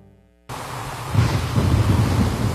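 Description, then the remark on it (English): A thunderstorm bursts in abruptly, with steady heavy rain hissing and a low rumble of thunder building and rolling underneath, loud, with no voices. “Rain and strong winds have caused serious roof damage in our area.”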